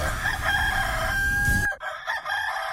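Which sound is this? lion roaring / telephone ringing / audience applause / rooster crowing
rooster crowing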